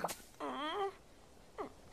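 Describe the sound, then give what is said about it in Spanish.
A little frog named Félix in Sunny Patch snores, voiced by a person: a breathy snort, then a long wavering, buzzy tone, and after a pause a shorter falling snore. No one speaks. “Vaya, está roncando.”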